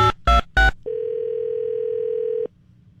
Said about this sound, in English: We're going to call somebody up at random here. See if we can keep them on the phone for 10 ridiculous survey questions, and they cannot hear me.